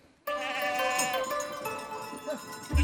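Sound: goats bleating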